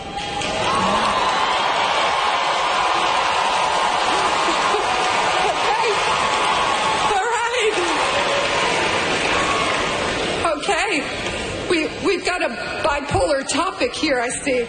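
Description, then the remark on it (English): The 2026 graduating class of the University of Central Florida roars with a steady, loud mix of boos and cheers for about ten seconds. This follows a real estate executive speaker describing artificial intelligence as the next industrial revolution. The noise then breaks up as a voice starts speaking over the fading crowd. “getting booed and cheered, ironically, by the 2026 graduating class of the University of Central Florida after describing artificial intelligence as the next industrial revolution.”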